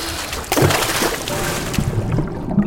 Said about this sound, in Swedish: Och släpp inte taget. Då åker du rakt ner i Karmafallet. Vattnet. Det suger runt fötterna. Det kittlar.